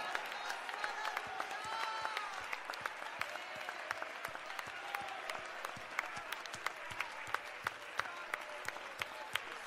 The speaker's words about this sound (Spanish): Los que tienen la esperanza, lo que tiene la promesa, que no vamos a estar en esos juicios, alabamos a Dios por 30 segundos fuerte, fuerte. aplaudiéndole y con sus labios, sacrificio de alabanza ahora.